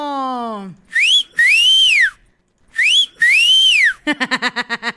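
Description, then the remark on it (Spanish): A person whistles loudly, twice repeating a short rising note followed by a long arching tone, then finishes with a quick, fluttering trill. “Vamos a mandarle un chiflido al Marco.”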